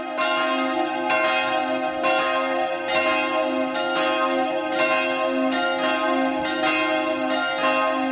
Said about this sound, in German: Das Glockentrio wurde 1967 von Perner in der Glockenstube aufgezogen. Die große Versöhnungsglocke in C wiegt 288 Kilogramm und trägt die Inschrift: Lasset euch versöhnen mit Gott. Das Mittagsläuten aus Passau.